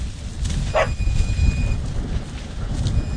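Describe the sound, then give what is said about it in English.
A single short bark or yip from a farmer's dog, Hua Hua, running alongside as he drives a tractor, over the tractor's steady low engine rumble, with faint whistling tones in the background. “And he's driving around running the tractor and his dog Hua Hua is behind and running alongside us.”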